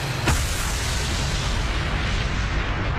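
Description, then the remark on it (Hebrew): A massive explosion as Israeli forces blow up the Abu Fur military outpost in Lebanon with planted explosives during the May 2000 withdrawal: a sharp blast, followed by a sustained, deep rumbling roar that fills the space for several seconds without voices. “הכוחות עזבו את המוצבים בזה אחר זה, וכדי למנוע מחיזבאללה תמונת ניצחון, הטמינו חומרי נפץ ופוצצו את המוצב.”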